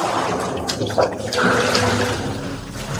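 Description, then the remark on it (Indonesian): Water splashes and churns, with a couple of louder sloshing bursts as a large dragon and a mythical ox plunge back down to the bottom of the Mahakam River, followed by a continuous rushing, bubbling wash of water. “Setelah itu, keduanya langsung kembali menyelam ke dasar sungai Mahakam.”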